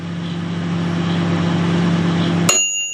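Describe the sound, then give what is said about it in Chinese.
A microwave oven runs with a steady low electrical hum for a couple of seconds, then stops with a single bright ding that rings out and fades. “哈哈，没错，你们猜对了，就是微波炉的声音。”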